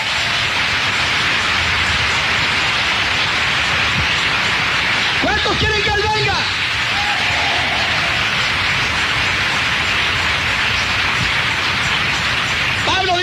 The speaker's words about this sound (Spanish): Un aplauso al Señor.